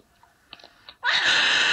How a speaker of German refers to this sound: So, das ist ein echtes Geräusch. Igel können so schreien. Krass. Und er versucht, den Waschbären einfach wegzubrüllen.